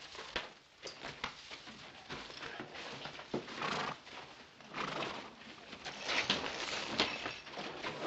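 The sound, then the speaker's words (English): A horse whinnies and snorts amid a steady clatter of hooves clopping on hard ground, with busy shuffling movement throughout and no one speaking. “Take care of your horse.”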